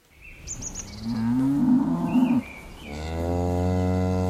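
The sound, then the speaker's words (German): Pinzgauer cattle, a herd of 40 chestnut-brown cows, mooing on a pasture behind a farm in Teisendorf, Berchtesgadener Land, before a mountain landscape: two long, deep lowing calls one after the other, with a few faint bird chirps near the start. “40 Pinzgauer Kühe, alle mit der charakteristischen Zeichnung im kastanienbraunen Fell”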